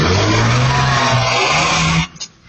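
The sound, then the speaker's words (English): A car's tyres screech loudly over a roaring engine for about two seconds as the car is driven at a man on a street in Yarrabilba, then the noise cuts off abruptly, leaving a brief faint rumble. “A screech of tyres and a shout as a car is used as a weapon, clipping a man, then ramming a police vehicle on a Yarrabilba street.”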